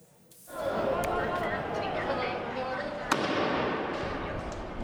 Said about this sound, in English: Another tense day in La Paz, with protesters blocking streets and lighting firecrackers, and police responding with tear gas.